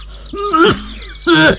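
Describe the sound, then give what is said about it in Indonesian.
Two harsh, rasping coughs from a man whose cough has lasted more than two weeks, the first drawn out with a groaning voiced edge, then a short pause before a second strained cough. “Aduh Pak, sudah 2 minggu lebih batuknya kok tidak sembuh-sembuh toh Pak.”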